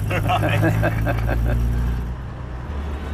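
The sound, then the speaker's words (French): A vintage Morris Minor Traveller is taken for a short drive, with a steady, low engine drone and gear hum; its first gear is not synchronised. A voice talks over it for the first couple of seconds before the motor continues alone. “Et en plus, il a droit à un petit tour au volant de la Traveler.”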